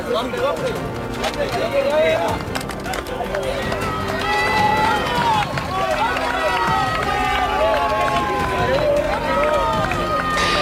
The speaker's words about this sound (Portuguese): Vamos também ouvir o momento em que há gritos de felicidade.